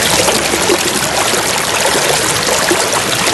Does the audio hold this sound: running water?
yes